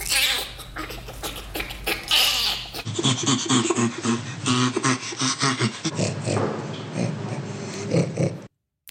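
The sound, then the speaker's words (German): Three bursts of ape laughter in a row, chimpanzee and bonobo followed by orangutan: breathy, rhythmic panting and squeaky pulses, ending in low, snorting grunts. No one speaks. “Ja, ist aber tatsächlich das Lachen eines Orang-Utans. Vorher haben wir noch einen Schimpansen und auch einen Bonobo gehört.”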